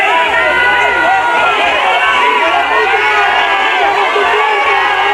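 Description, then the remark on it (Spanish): A large crowd of citizens in Ceuta booing and jeering the Interior Minister loudly and continuously, many voices overlapping in a dense, hostile roar, with shouts rising out of the noise. “Abucheos para el titular de Interior de unos ciudadanos cansados de mentiras, hartos de promesas y que se sienten abandonados en lo que ha sido la mayor crisis vivida en su ciudad.”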